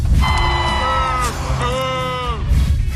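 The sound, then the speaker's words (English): An audience cheers and whoops loudly and continuously at a curtain call, with several high, sustained shouts rising over a dense roar of voices that fills the whole stretch. “when I was filming at the end, when he ran on big curtain call”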